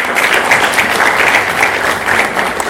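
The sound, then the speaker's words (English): Steady applause from an audience, many hands clapping at once in a dense, continuous patter that holds at an even loudness throughout, given to thank a doctor who has just spoken. “Another clap for Dr.”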